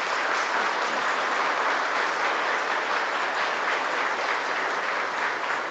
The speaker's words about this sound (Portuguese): Seja bem-vindo, Padre, à nossa comunidade paroquial. Nosso povo te acolhe de braços abertos. Salva de palmas.